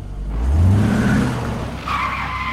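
Traffic noise with a car engine revving up loudly, followed by a sharp squeal of skidding tires over a steady road rumble; no one speaks.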